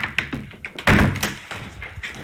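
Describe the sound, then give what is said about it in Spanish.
A door in an old building is handled with a few light knocks and taps, then thuds heavily as it swings open, followed by quieter rattling and bumps. “Oye, había cogido la puerta equivocada.”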